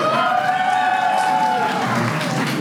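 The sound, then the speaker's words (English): A crowd breaks into loud, sustained applause in answer to a survey of who plans on partying all night long tonight, dense clapping mixed with cheering and a few high whoops, holding steady for nearly three seconds. “How many plan on partying all night long tonight by a round of applause?”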